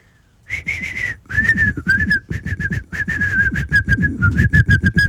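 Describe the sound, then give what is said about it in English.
A person whistles an imitation bird call, a steady high tone broken into a long run of quick, breathy pulses with brief pauses, fairly loud and with no talking. “That's my bird call.”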